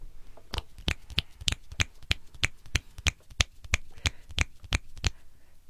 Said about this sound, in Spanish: Chasquidos porque los aplausos son muy estridentes en los micrófonos.